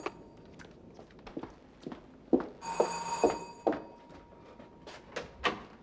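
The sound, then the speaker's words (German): A bright, metallic bell rings in one continuous burst of just over a second during a phone call, set among scattered clattering knocks and thumps, with no one speaking. “Klingelt gerade.”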